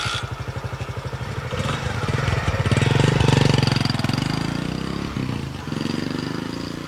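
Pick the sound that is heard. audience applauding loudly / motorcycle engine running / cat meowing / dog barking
motorcycle engine running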